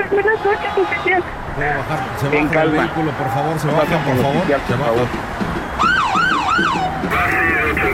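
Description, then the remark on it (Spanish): People talk over one another while a police patrol car siren wails in quick up-and-down sweeps near the end as the patrol car arrives, loud, cutting through the voices for a couple of seconds. “Ahí llegó la patrulla.”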